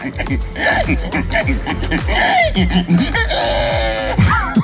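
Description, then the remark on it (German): A person, the winner of a contest in Estonia for who can best imitate a pig, vocally imitates a pig, producing a rapid, continuous run of loud grunts and rising squeals, with rhythmic snorting pulses throughout and a shrill squeal near the end. “Fast, es ist der Gewinner eines Wettbewerbs in Estland, also auch ein Mensch. Nämlich, es ging darum, wer am besten ein Schwein nachmachen kann.”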